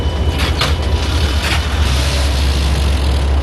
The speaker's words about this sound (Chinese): 列车进库停稳，我们做好防护就可以开始干活了。把吸污管对接好，阀门打开，真空泵一抽，一辆进藏列车的污水大概20多分钟就清空了。